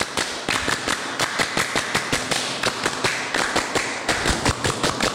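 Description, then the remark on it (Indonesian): A group claps the Pramuka scout clap pattern twice in unison, loud sharp hand claps in rapid rhythmic bursts with short pauses between phrases, running through the whole stretch with no talking. “Dua kali tepuk pramuka.”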